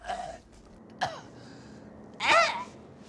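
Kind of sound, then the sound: human body sound, person coughing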